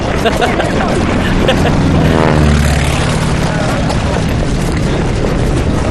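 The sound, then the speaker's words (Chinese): Propeller airplanes sent as an escort toward Yanmen Pass roar low overhead. Their loud, steady engine drone sweeps downward in pitch as they pass by midway, with a thick rumble filling the whole stretch. “不但不打咱们，还派飞机护送咱们去雁门关。”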